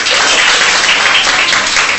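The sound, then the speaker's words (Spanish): Steady, loud applause from an audience for a contestant in a contest, a dense wash of many hands clapping at once with no pauses, filling the whole stretch without any voices standing out. “Aplauso para niña Lidia.”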